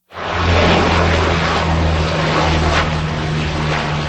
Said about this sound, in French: La lutte contre le feu vient entre autres du ciel. Des avions, dont des canadairs, effectuent des largages sur de larges zones. Des hélicoptères transportent de précieuses cargaisons d'eau.